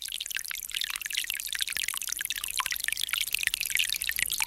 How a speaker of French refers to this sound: Aujourd'hui, on peut dire que c'est une bonne petite pluie, parce qu'elle pénètre tranquille dans la terre.